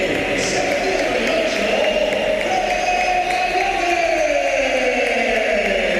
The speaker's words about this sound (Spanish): Aplausos para Valverde, olvidado lo de aquellos meses atrás con esa pitada a Valverde, esas pitadas.